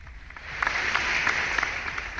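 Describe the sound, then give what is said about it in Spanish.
A short burst of crowd applause sound effect, many hands clapping in a steady, dense patter that swells slightly and holds at a moderate level for a couple of seconds, sent on a program to listeners celebrating their birthdays. “Ya hasta les mandé un aplauso, qué bárbaro, de veras que qué producción de programa.”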